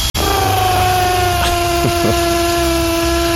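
A neighbour's power drill whirs in the morning in one continuous, loud, buzzing whine with a steady pitch, starting after a sharp click and wobbling briefly in pitch near the end.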